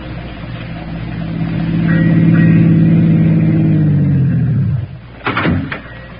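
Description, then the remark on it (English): A car engine hums and swells as it draws near, holding a steady revving drone before cutting off, followed by a couple of sharp door clunks. No one speaks. “Hey, why don't you drive us right into that drink and be done with it?”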